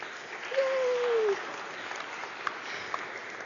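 An audience applauds to greet the newest member of the family of God, with steady, dense clapping that holds a constant moderate level throughout. Early on a short sustained tone rises above the clapping, and a couple of sharp clicks stand out later.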